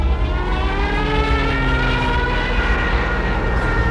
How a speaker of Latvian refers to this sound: lidmašīnu sagūstījusi lejup vērsta gaisa plūsma.